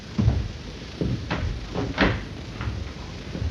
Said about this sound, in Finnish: No avaa sille ovi